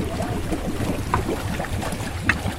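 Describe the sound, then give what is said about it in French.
A small waste-collecting boat, designed in France by Effinor, moves on the water of the Baie des Anges picking up floating waste, with a steady low engine rumble and splashing, sloshing water, plus a few brief brighter splashes, with no voices. “Un modèle de dernière génération qui ramasse les déchets dans la baie des Anges.”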